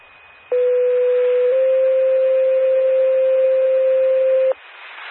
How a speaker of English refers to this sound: Attention Bunker Hill ambulance system test in the Tiffin County 911 paging system.